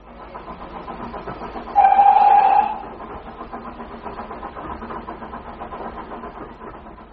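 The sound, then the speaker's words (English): A steam train to Woking rumbles steadily along, and partway through a loud, sustained whistle sounds for about a second before the chugging rumble carries on alone. “The train only takes an hour.”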